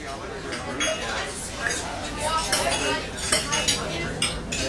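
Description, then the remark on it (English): Dishes and cutlery clink steadily at a dinner party, with bright, irregular metallic and ceramic taps over a low murmur of indistinct chatter. “Can you tell if the leftovers from this dinner party are beginning to grow bacteria that could lead to severe diarrhea, vomiting, and stomach cramps?”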